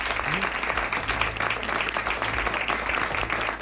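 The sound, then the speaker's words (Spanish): An audience of Ser Historia friends gathered in the Scriptorium claps steadily, a dense wash of applause that holds at an even level for a few seconds without fading. “Quería dar las gracias, como digo, a todos los amigos de Ser Historia que se han reunido aquí en este Scriptorium, a quien les pido un aplauso para saludar, y no me queda más que darle las gracias.”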